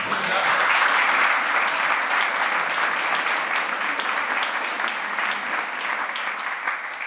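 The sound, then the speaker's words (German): Sustained audience applause for author Heinz Strunk, winner of the Bremer Literaturpreis for the story collection »Kein Geld, kein Glück, kein Sprit«: a dense crackle of many hands clapping at steady volume for several seconds, easing only slightly toward the end, with no one speaking. “Sie kriegen jetzt einfach noch mal einen Applaus.”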